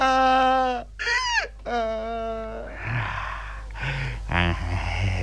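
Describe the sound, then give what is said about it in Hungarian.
Donkeys bray: several loud braying calls in quick succession, long harmonic wails that rise and fall, followed by rougher, breathier brays and a final wavering cry. “Kövér szamár vagy!”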